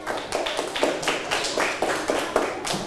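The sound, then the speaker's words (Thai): A room full of students in a maths lesson clapping together for their classmates in group 5 after a correct answer, a dense patter of many hands with uneven rhythm, sustained and moderately loud for a few seconds with no talking. “เป็นคำตอบที่ถูกต้องค่ะปรบมือให้เพื่อนกลุ่มที่5ด้วยค่ะ”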